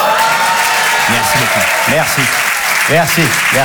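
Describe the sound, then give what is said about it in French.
Steady, dense applause from the audience at the Apollo Théâtre fills the whole stretch, loud, with a few voices calling out and cheering over the clapping, after the comedian on stage says it is his birthday. “Non, je déconne, c'était il y a 2 semaines, mais je trouve ça bien de rentrer sur scène avec de la bienveillance et des applaudissements”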